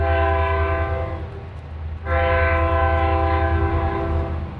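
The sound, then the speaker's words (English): The Rocky Mountaineer, a tourist passenger train, sounds its horn in two long, loud blasts separated by a brief pause, over the steady low rumble of rolling wheels on the rails, at the Quesnel train station in the BC Interior. “After 20 years, the Rocky Mountaineer will no longer roll into the Quesnel train station.”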